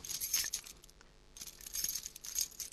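A key rattles and scrapes against a door lock it will not go into, because the lock has been replaced with a different one, with keys jangling in two fumbling bursts separated by a short pause, fairly quiet with no voices.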